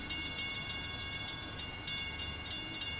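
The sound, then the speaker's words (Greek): A train approaches from far away, its low steady roar broken by a quick, regular clickety-clack rhythm. The sound stays fairly faint throughout, with no voices. “Έρχεται το τρένο, γι' αυτό είναι από μακριά.”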